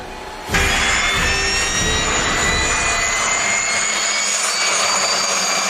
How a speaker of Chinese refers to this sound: 接到塔台指挥员引导着陆指令，提前做好准备的五号台值班员引导特勤飞机安全着陆。 东莞距离2公里，航向好，高度好。